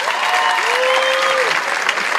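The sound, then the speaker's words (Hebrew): An audience claps steadily and densely for a couple of seconds when asked for applause before a poem is read, the applause loud, with a brief rising-and-falling whistle or cheer rising over it. “השיר נקרא, רבותיי, איפה כפיים?”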